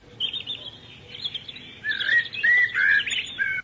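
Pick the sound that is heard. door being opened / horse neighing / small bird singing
small bird singing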